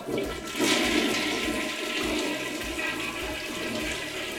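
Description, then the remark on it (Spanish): A toilet flushes in one continuous rushing surge of water, loud and broad, swelling after the first half second and then churning steadily with no voices over it. “y muchas combinaciones, y también la del baño, bye bye.”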